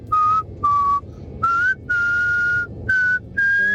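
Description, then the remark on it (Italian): Someone whistles a song melody for listeners to guess, clear sustained notes in six phrases separated by short breaths, some held longer than others, with a faint low hum beneath. “Questo è un bel fischio.”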